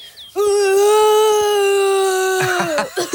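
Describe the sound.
A boy playing Mowgli tries to make a fearsome roar, but his voice comes out as a thin, steady, fairly high-pitched croaking cry, held for about two seconds before wavering and trailing off.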